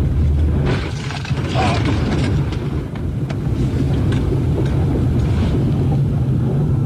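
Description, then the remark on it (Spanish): A steady, loud roar of rushing floodwater sweeping away a white utility pickup truck with a man inside, with another vehicle carried along beside it, a heavy low rumble underneath and scattered knocks and clicks, continuing unbroken throughout without any voices. “Lo que podemos ver es cómo el agua va llevándolo con su camioneta de color blanco, solamente para reiterar cómo la fuerza con la que bajó el agua en esa zona.”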